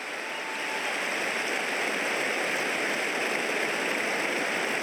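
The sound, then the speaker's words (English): A large crowd at the MCG cheers during a footy match as injured Collingwood player Brody Mihocek is lifted by six Melbourne staffers onto a medicab, a steady, sustained roar, a dense hiss-like wash of many voices holding at an even loudness for about five seconds, with no distinct talk above it. “That's the cheer that you can hear.”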